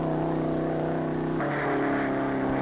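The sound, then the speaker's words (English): A race car engine, car 138C in high gear, screams at high revs in a loud, steady, buzzing drone as it goes through the speed trap at 6,000 to 6,500 rpm, its tone shifting abruptly partway through as the pitch steps and the sound turns brighter. It was timed at 151.06 mph. No one speaks. “There's the first marker up ahead, and the tachometer says 5,900, 5,950, 6,000. He's in the trap now at 6,500.”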